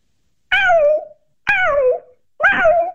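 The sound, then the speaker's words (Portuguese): A caller from Queluz imitates a cat meowing three times, each drawn-out mew falling in pitch, evenly spaced with short pauses between, loud with no other talk. “sem imitar um gato.”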